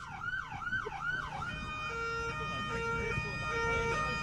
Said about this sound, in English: I'm going to take you out with an ambulance siren. Been teasing you've been it talking all about the morning, mate. This is thanks to the Wellington Free Ambulance. Here we go. That's not it, by the way. Here's the siren. Kick it off.